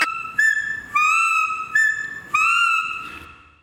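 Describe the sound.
A series of clear, high whistled notes from a hunting call lure (appeau) used to communicate with animals, each sustained tone sliding slightly upward, repeated about five times in a steady rhythm with brief gaps, loud and with no talking.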